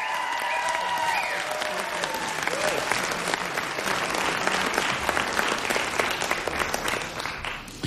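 A crowd claps steadily and loudly, a dense, continuous wash of applause lasting several seconds, with a few faint tonal whistles or cheers poking through near the start.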